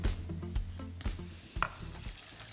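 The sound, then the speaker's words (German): Water poured into a hot pan of Himalayan Basmati rice sets off a steady crackling sizzle, broken by a few dull knocks and clinks of utensils against the pan. No one speaks. “So, Wasser gebe ich drauf.”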